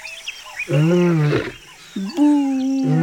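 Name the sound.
lion roaring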